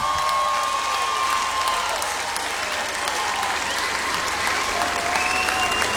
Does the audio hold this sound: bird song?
no